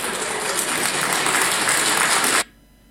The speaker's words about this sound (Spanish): Y de esa forma, con aplausos, asentían los representantes de las diferentes naciones originarias campesinas, principalmente en el departamento de Oruro y también en los otros departamentos.